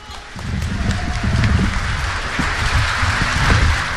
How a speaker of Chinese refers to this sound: 在这里呢，我特别要和大家介绍的是，今天呢，著名琴师唐在新老师带病来到现场和大家见面，掌声欢迎唐老师。